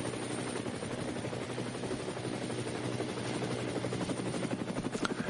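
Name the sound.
helicopter flying overhead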